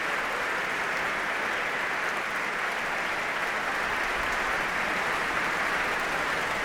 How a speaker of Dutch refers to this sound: De laatste mensen komen nog even snel op hun stoel zitten. En daar klinkt het applaus voor Dima Slobodenjuk.